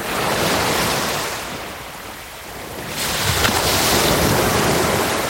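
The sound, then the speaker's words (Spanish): Waves break steadily onto the pebble beach at Nules in a broad hissing roar, stones clattering against one another as each wave retreats, easing briefly before a fresh surge swells back up, with a soft wind rushing underneath, gulls, and distant family conversations in the background. “Olas rompiendo sobre las piedras, gaviotas, un viento suave y de fondo conversaciones lejanas de familias.”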